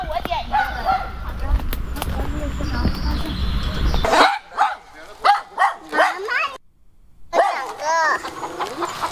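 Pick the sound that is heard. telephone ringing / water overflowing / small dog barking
small dog barking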